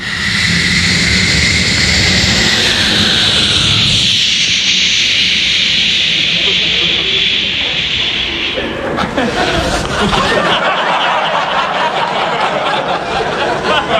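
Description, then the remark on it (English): A voice imitates a United States stealth bomber flying past at an air show: a sustained, loud hissing whoosh with a high whine that sweeps downward, then breaks into a rougher, noisy rush toward the end, with faint chuckling underneath. “First of all, from the United States, we have the stealth bomber. It's like...”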